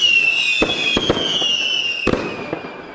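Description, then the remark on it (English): A fireworks sound effect: fireworks crackle and pop repeatedly, with several sharp bursts over a steady high whistling hiss that slowly descends; fairly loud, with no voices. “Someone said I should make a big thing of it, so I don't know, fireworks or something, I suppose.”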